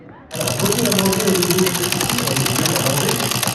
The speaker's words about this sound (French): Une fois qu'on a tourné la roue, qu'est-ce qu'on fait ?